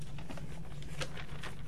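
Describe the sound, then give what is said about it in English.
Paper rustling and crinkling as notes are handled, with a few sharper crackles standing out over a steady low hum; no one speaks. “Sorry for the rattling paper.”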